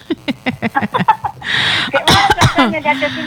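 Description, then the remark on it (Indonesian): Several harsh, breathy coughs burst out, following a stretch of rhythmic voiced talk or chuckling, with a couple of sharp hacks near the end. “Nggak kayak mana, sehat, sampai terbatuk-batuk ya.”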